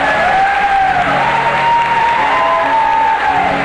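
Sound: audience applauding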